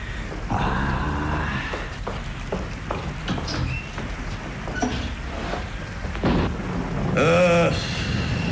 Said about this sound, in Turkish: Çok yağmur yağıyor Zihni Bey.